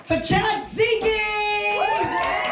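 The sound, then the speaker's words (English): A small crowd cheers loudly, with sustained whoops and yells rising and falling in pitch over a few bursts of applause, lively throughout, as the final act of an evening drag king show is introduced. “Give it up!”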